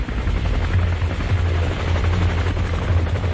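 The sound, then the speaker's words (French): A loud helicopter roars overhead, pursuing people from the air, its rotor producing a steady low-pitched thumping pulse over a dense wash of engine noise that stays constant throughout. “Les populations étaient pourchassées par des hélicoptères et avions dans l'air et l'armée de terre au sol.”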